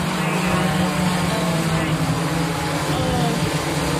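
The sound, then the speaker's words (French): An Amazon delivery drone flies over homes in a town near Dallas, with a steady, loud mechanical buzz, its low rotor hum holding an even pitch with a rough, whirring texture for the whole stretch. “Il n'empêche, le bruit exaspère les habitants de cette ville près de Dallas et nous aussi.”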